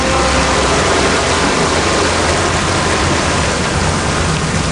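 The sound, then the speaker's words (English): Waves roll over a jetty jutting into the San Francisco Bay in a loud, dense, continuous rush of churning water, without pause, with no voices. “These rhythmic and intricate waves are rolling over a jetty which juts into the San Francisco Bay”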